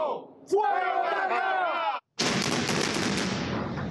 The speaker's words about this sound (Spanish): 10, 9, 8, 7. Y así la cuenta regresiva que dio paso a la minuciosa explosión controlada en Caraballeda, que ve caer no solo una infraestructura, sino historias, recuerdos, toda una vida.